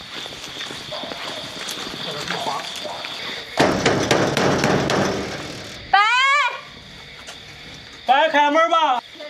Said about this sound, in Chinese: 一户村民家反复敲门，仍不肯开。 你们劝了几次他不配合？敲门敲了3次，第4次就不开门了。